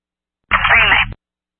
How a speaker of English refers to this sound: Again, just static and carrier.